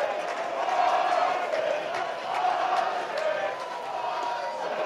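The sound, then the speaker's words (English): A large baseball stadium crowd lets out a sustained collective "ooh", steady and fairly loud throughout, like a disappointed groan rising and falling in unison, as a batter swings and misses a pitch. “Swing and a miss as the crowd in unison says, ooh.”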